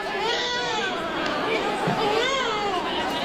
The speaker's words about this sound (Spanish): Durante la movilización, que estaba convocada desde las 10 hasta las 12, las participantes portaban luces y reproducían sonidos de llantos de bebés.